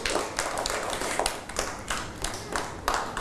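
A small group claps briefly, a scattering of sharp, uneven hand claps lasting a few seconds with no voices over it.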